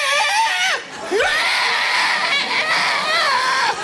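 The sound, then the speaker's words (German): A voice imitates an ostrich running with its wings out along a street, a loud, continuous, high-pitched screechy squawk whose pitch swoops down and back up after a brief dip, then a sustained wavering shriek. “Ich schaue die Strasse an und plötzlich taucht ein Strauss auf, Flügel draussen, rennt auf mich zu und das Geräusch einfach taucht auf.”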